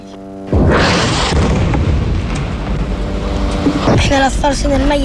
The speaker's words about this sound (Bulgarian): Детството ни е такова, че започваш да разпознаваш различните звуци, тези на експлозиите. Различаваме дроновете, F-16, други самолети и артилерия.